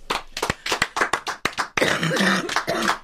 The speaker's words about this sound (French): À tousser pendant les applaudissements. Mince. Allez-y, refais les applaudissements.